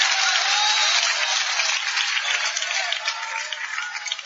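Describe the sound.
An audience applauds in praise of Jesus, a dense, steady wash of many hands clapping that holds strong for several seconds before thinning slightly toward the end, with faint voices blended into the crowd noise.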